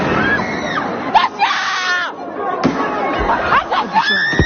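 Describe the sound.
Sharp explosive bangs burst out twice amid a loud, continuous crowd of shouting and screaming voices during a street protest of high school students facing the police, with the clamor rising and falling throughout.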